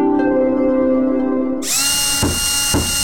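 An electric power drill runs with a steady, humming motor whine, then abruptly shifts to a louder, harsh, high-pitched grinding broken by two brief surges. No one speaks.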